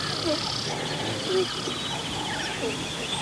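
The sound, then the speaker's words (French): Scattered short, nasal, duck-like alarm calls from a gazelle herd in a large dry-grass meadow of the Kenyan savanna on a hot day, sounding at irregular intervals over a busy outdoor background of steady high insect or bird chatter. “Ce sont des cris d'alerte lorsqu'elles sont en troupeau.”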